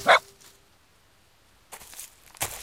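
A single loud, sharp dog bark rings out at the start, followed by quiet and then some brief rustling, shuffling noises.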